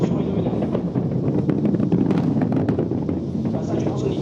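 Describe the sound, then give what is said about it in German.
A continuous, heavy low rumble from the huge booster charges of an Ariane rocket launch, carrying 36 satellites, rolls in from almost 8 kilometres away to an observation point outside a wide restricted zone, with sharp crackles and pops scattered through its steady roar. “Fast eine halbe Minute dauert es, bis auch der Donner der gewaltigen Treibladungen über fast 8 Kilometer bis zum nächstgelegenen Beobachtungspunkt außerhalb eines weiten Sperrgebiets herübergerollt ist.”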